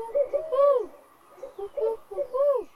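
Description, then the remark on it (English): A human voice imitates an owl hooting in the woods, giving three or four fairly loud hoots that rise and fall in pitch, with short pauses between them. “The owls hooted, and Book did too.”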